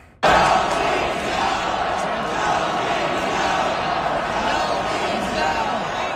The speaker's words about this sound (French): Mais on va vous faire entendre la foule de Caroline hier.